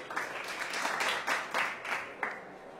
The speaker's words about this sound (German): Applaus für unsere Nummer 78.